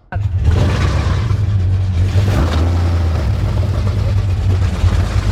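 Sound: motorboat engine running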